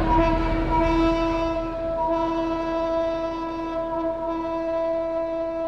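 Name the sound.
train departing with horn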